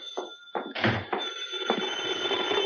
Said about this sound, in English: As I walked in the door, the phone was ringing.